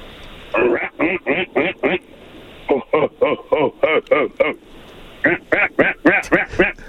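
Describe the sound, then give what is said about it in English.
A man's voice imitates a greater prairie chicken's mating call, a fast run of loud, clipped, nasal cackling notes delivered in three quick bursts, with no other talk. “For someone who's never heard a Greater Prairie Chicken mating call before, …, that was a pretty solid effort”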